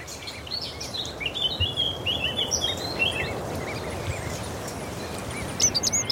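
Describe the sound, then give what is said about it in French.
Songbirds sing outdoors over a steady rushing background, a common chiffchaff's repeated notes from the first bush in front, less than 25 metres away, and a Eurasian blackcap's more fluting song from behind it, both moderately faint. “Le pouillot véloce, donc, qui est à moins de 25 mètres, on va dire, puisqu'il est dans le premier buisson devant nous.”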